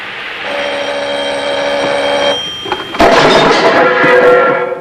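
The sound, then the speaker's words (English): A telephone rings with a steady, bright, sustained tone, fairly loud, then cuts off and gives way to a louder burst of clattering, jangling noise. “He takes a towel and dabs his face, makes an exasperated gesture, and goes to answer the phone.”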